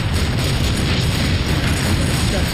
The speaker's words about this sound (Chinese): 喀秋这火箭炮非常厉害，持续强劲的炮火打乱了我们的阵型。